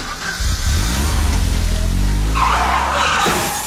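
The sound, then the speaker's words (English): A car's engine roars and its tires screech in a loud skid lasting a few seconds, with a harsh high squeal rising near the end as it brakes hard in an accident. “Fix Auto, the first words that should come to mind after an accident.”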